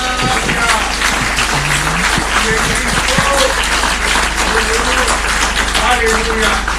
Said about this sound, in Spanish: Denle un aplauso a Cristo, hermanos.